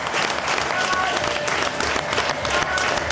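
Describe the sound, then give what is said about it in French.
Steady, dense audience applause for the Swiss team as it leaves the World Cup, many hands clapping at once, loud and sustained for a few seconds, with no pauses or voices standing out. “Franchement, est-ce qu'on commencerait pas ces deux minutes par des applaudissements pour l'équipe de Suisse?”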